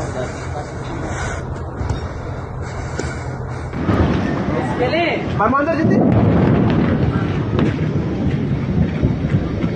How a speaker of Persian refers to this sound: به گفته منابع هالوش، شدت انفجارها رو بسیار زیاد توصیف کرده. دود و شعله‌های آتش از فاصله دور قابل مشاهده بوده. صدای چندین انفجار شدید هم در سطح شهر شنیده شده.